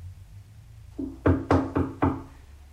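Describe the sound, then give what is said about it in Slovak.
Four firm knocks on the wooden door of a small cottage in a steady, quick rhythm, hollow-sounding, with nothing else but a faint low background hum. “Ale radšej malá chalúbka ako pustý les. Zaklopať?”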